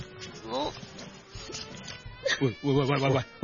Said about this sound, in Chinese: 喂你做咩啊？喂，我最怕女人喺我面前係咁時時索索㗎喇。咩事啊？ 呢度呢冷氣大呀，我鼻敏感呀。